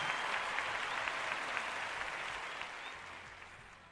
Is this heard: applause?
yes